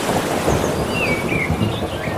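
Low, rolling thunder rumbles steadily beneath a constant wash of ocean waves, with faint bird chirps drifting in overhead; no one speaks.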